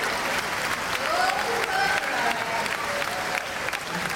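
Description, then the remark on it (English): Steady audience applause for a stunt driver at a stunt show, a dense wash of many hands clapping at an even loudness for several seconds, with a few faint cheers and voices mixed in. “Let's hear it for”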